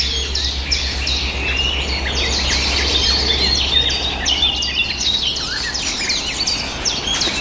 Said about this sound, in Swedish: Det som smackar där, det är svarthättans lockläte när de är ute och söker föda och rör sig i trädet också.